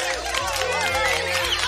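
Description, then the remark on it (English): A short round-of-applause sound effect of crowd clapping with cheering voices, loud, filling the whole moment without pause before cutting off. “Bit of rain coming in Barcelona, not down here, but we'll give it a round of applause anyway.”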